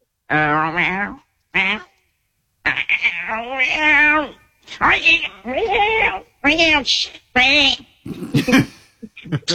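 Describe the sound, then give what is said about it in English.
A human voice imitates a cat, letting out a series of drawn-out, wavering meows in close succession, loud, with short pauses between each cry. “You can do the cat.”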